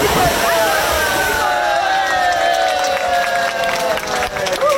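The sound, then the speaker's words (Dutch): Steady splashing and sloshing water with a busy murmur of many voices echoing around it, at the crowded open-air swimming pool De Abelen, built in 1965, reopened after renovation on a hot weekend, with people swimming lengths. “kunnen eindelijk weer baantjes trekken in openluchtzwembad”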